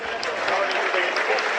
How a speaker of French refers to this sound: les applaudissements du public, c'est un public de connaisseurs. Alors forcément, on pousse derrière son ASM, c'est bien normal, mais on sait aussi saluer la performance des coéquipiers, des adversaires.